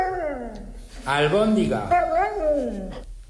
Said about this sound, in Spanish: Un perro que está contestando a su dueño. Dice albóndiga.